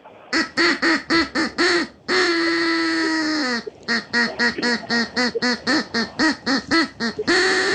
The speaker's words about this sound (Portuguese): O Pato vai cantar pra você. Vamos lá.